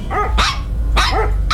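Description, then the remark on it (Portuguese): A pitbull in Apuarema barks loudly three times in a quick, even rhythm, each bark sharp, over a steady low rumble in the background. “Mulher atacada por cachorro em Apuarema, de novo.”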